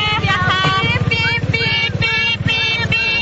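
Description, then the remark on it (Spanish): Girls riding a motorcycle that had no horn repeatedly mimic a horn with their voices, loud, tonal honking bursts, several in quick succession, over the steady putter of the motorcycle engine. “Evidentemente no tenía bocina, entonces le aplicaron una estrategia a la casera.”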